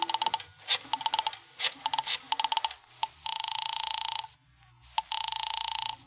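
A telephone number is dialed on a phone in a room in quick clicking bursts, several digits in a row, followed by two longer, steady buzzing tones from the line. Clear, with no voices.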